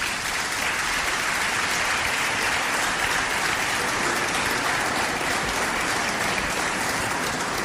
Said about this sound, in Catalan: Dedicar-li també un fort aplaudiment.